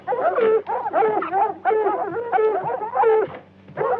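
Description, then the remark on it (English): A hound that has caught the scent of something outside bays in a run of loud, wavering, drawn-out cries, one after another with brief pauses between them, close by and with no other sounds around. “Some hound got scent of something out there, all right.”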